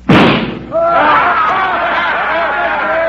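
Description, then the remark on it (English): A single sharp pistol shot, fired at a little gold eagle on a flagpole across the street, cracks out and quickly decays, followed by a steady stretch of overlapping voices and lively chatter. “Get them hog legs out and let's get to shooting.”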